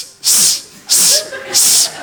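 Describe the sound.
Someone imitates a snake with three drawn-out, breathy hisses in a steady rhythm, each lasting about a third of a second, fairly loud, separated by short pauses.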